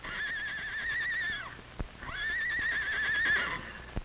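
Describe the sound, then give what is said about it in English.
Two horses from a ranch whinny twice in long, quavering calls, loud, with a few sharp hoof clops between and after them as they run away from a fire; one of them is hurt. No one speaks. “Why, Charlie and Nellie from Mr. Mardell's ranch are running away”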